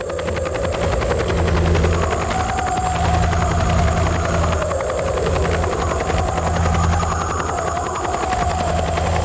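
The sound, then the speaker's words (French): A helicopter thunders steadily, its rapid rotor chop pulsing without a break under a loud engine whine that shifts slightly in pitch, with no voices. “Les bandes de cassettes sont jouées sur des énormes haut-parleurs arrimés aux hélicoptères.”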